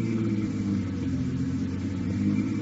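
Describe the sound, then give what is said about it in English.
A car engine rumbles steadily while driving onto an airport field, its low drone rising slightly as it revs, with no voices over it. “Here's where we ditch the buggy.”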